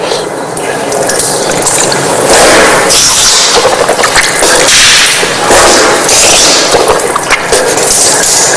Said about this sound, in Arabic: ثم بعد ذلك تأتي المضمضة والاستنشاق. كما هو الملاحظ تمضمض واستنشقت من كف واحدة وأعيدها مرة ثانية.